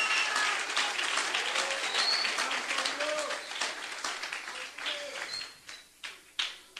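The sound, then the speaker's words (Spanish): A crowd bursts into dense, sustained applause that gradually thins out into a few scattered, sharper claps near the end, with faint voices mixed into the clapping. The audience is applauding the Lord on an evening of preaching about faith in Jesus Christ. “Jesucristo, dé un aplauso al Señor en esta linda noche.”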